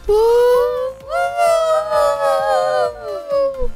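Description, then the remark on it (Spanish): Several voices howl together in long, wavering, rising and falling tones, imitating sirens and dog howls, loud, with brief breaks between swells. “Parecemos sirenas. Como perros.”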